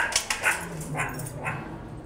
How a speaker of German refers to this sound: Quack, quack, quack, quack, quack. Keine Frösche, sondern die Erdmännchen. Und hungrig wie die Wölfe.